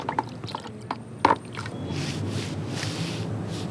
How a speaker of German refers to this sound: Wir haben die jetzt selbst angemischt mit Pigmenten und einem leichten Binder, weil das darf ja auch nicht so lange halten. Und ich denke mal, in ein paar Monaten wird es nicht mehr zu sehen sein.